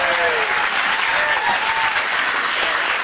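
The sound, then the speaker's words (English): Steady, sustained applause from a large audience, prompted by an applause sign being turned on, fills the whole stretch, a dense wash of clapping at constant loudness with a few faint voices or whoops rising through it. “By the way, that just means the applause sign was turned on.”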